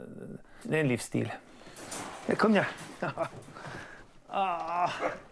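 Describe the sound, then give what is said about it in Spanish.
Four hunting dogs let out a few short yelping barks and high, wavering whimpers in scattered bursts, with a voice talking quietly in the background. “Joachim comparte su vivienda con 4 perros, su gran orgullo.”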